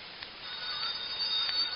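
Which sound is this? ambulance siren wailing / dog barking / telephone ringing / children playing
telephone ringing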